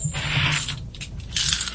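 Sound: 90% silver coins dropping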